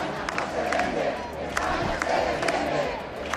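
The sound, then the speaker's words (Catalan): A large protest crowd in the Plaça de Cort in Palma chants in unison, a dense roar of many voices rising and falling in rhythmic waves, with sharp shouted accents punctuating the steady, loud chorus. “A la plaça de Cor de Palma s'han sentit càntics com aquest.”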